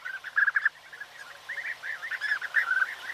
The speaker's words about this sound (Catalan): En aquest capítol heu escoltat el cant d'aquests ocells. Abellerol, Merops apiaster. Un dels ocells més acolorits, que viu d'abril a setembre als camps oberts.